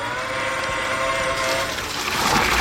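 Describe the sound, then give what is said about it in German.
A watering robot cart named Gießbert, shaped like a large handcart and carrying water, runs with a steady, fairly loud mechanical whine and humming tones, turning into a broader rushing, hissing noise in the last second. No one speaks. “Gießbert bei der Arbeit und Gießbert ist ein Gießroboter.”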